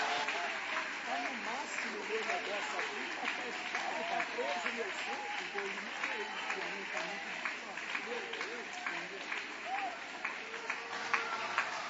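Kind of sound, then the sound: crowd, audience applauding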